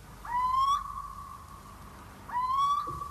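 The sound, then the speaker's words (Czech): A little owl calls from brushwood nearby, giving two clear, rising whistled calls about two seconds apart, each a mid-pitched, slightly strained note with a thin trailing tone, heard alone with no talking. “Jen hlas síčka se ozýval nedaleko z roští.”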